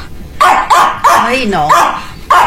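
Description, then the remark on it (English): A small chihuahua yaps loudly: about five sharp, high-pitched barks in an irregular burst, with a brief whiny, wavering yelp drawn out in the middle. “They bark at something that's like 10 miles away from your house.”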